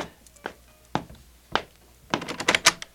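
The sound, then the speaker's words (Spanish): Knocking on a door: three spaced, solid thuds followed by a quick, louder flurry of rapid knocks near the end, with no talking. “¡Abran la puerta!”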